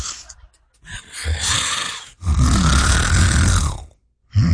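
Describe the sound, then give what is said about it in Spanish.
Loud, rasping snores from a man dozing on the third pew of a church: a shorter rattling breath followed by a longer, heavier one, separated by brief pauses, with no talking. “Y un señor se le caía casi la cabeza del sueño, ahí en la tercera banca. La placa se le desacomodaba, pero él no paraba de roncar.”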